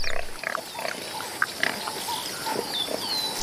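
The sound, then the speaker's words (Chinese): A male warthog grunts in a run of short, rough snorts at an uneven pace, moderately loud against a steady hiss of outdoor background noise, with no voices. “这头雄性油猪下獠牙比狮子的犬齿长得多，还锋利得多，连斑鬣狗见了都要绕着走。”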